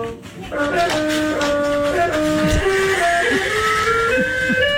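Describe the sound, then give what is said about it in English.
A toddler's floor keyboard music mat, made to be jumped on, set off as a dog drags its butt across it, producing a loud, continuous jumble of overlapping electronic notes that shift pitch unevenly. “But as you'll hear, this is what it sounds like when a dog drags its butt across the music mat.”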